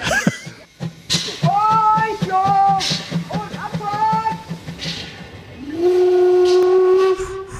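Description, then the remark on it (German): A steam locomotive on the island of Rügen lets out several loud, wavering whistle blasts over a steady rhythmic chuffing, ending with one long sustained whistle tone. “Da bläst und schnauft er nochmal so richtig schön, dieser rasende Roland auf der Insel Rügen.”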